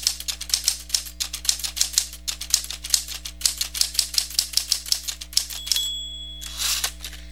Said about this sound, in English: Christopher Latham Sholes received a patent for an invention he called the typewriter